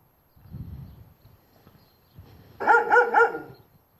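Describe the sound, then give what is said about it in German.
Dogs barking: a quick run of three loud barks follows a stretch of low rumbling background noise, with no voices present. “Ja, wachsame Hunde.”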